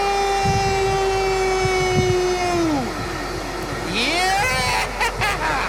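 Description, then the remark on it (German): A freight train, ridden south of Berlin, rolls along with a steady low rumble and rattle, while high metallic squealing tones hold, then bend downward and waver as the wheels grind. “Hört ihr das? Ich fahre Güterzug.”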